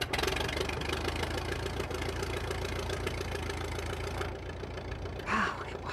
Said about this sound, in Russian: Когда Гарри запустила двигатель, я обомлела.